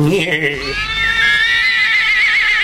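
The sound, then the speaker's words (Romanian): A horse gives a loud, quavering whinny that rises high and trembles for about two seconds, right after a brief low vocal sound at the start. “Uite de la calul ăsta.”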